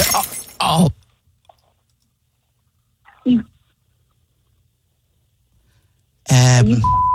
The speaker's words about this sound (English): Are you serious? Did you just do what I think you did? You idiot! I just heard glass drop. Are you kidding me?